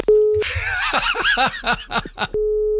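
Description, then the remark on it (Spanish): A steady telephone dial tone after a call is hung up drones briefly, breaks off as a burst of rhythmic laughter takes over, then resumes alone at the same level once the laughing stops. “¿Se me ha vuelto a colgar el teléfono?”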